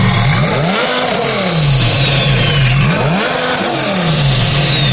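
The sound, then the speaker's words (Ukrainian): A loud straight-through exhaust engine revs repeatedly, pitch climbing and falling in several sharp surges, raw-sounding with no one talking. “Саме так звучить прямоток.”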